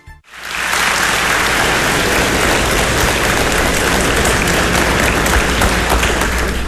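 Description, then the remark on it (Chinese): A Taipei audience applauds steadily at a 2013 live crosstalk (xiangsheng) performance by He Yunwei and Li Jing, dense clapping that starts almost immediately and keeps up at an even, loud level from start to finish, like a hissing wash of many hands. “通过您的掌声跟笑声啊，听得出来。”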